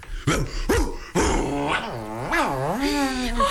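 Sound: dog growling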